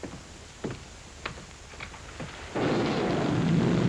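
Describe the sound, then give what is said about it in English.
Steady rain hisses broadly, swelling to a heavier, louder downpour partway through, with a few scattered low rumbles and thuds of thunder beneath it and no voices. “The rain that's falling down, sir.”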